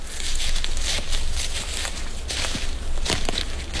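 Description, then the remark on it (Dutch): Footsteps crunch steadily through dry leaf litter on the floor of a beech forest with large trees and a dense, closed canopy, with rustling and crackling at each step and no one speaking. “Wat voor bos lopen we nu eigenlijk?”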